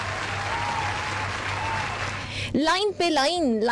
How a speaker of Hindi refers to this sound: इस बात पर एक बार जोरदार तालियां हो जाएं।